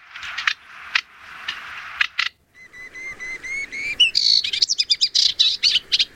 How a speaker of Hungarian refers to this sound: Na szóval ő a fülemüles Sitke.